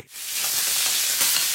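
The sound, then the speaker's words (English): Sausages sizzle on a hot barbecue in a steady, bright hiss with fine crackling that builds quickly and holds at an even level, with no voices. “Behind every sausage sizzle, charity drive, school fete and street parade stands a local legend, a volunteer giving their time to strengthen the South Coast spirit.”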